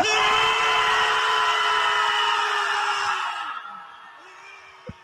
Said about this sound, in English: Screaming really wouldn't help me, but it's cute, and I don't know, maybe if it helps them.